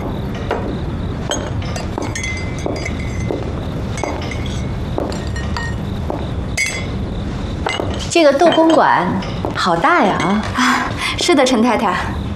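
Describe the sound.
Repeated light, irregular clinks of teacups and china as tea is poured for a guest during a mahjong game in a large mansion; in the last few seconds people start talking over the clatter.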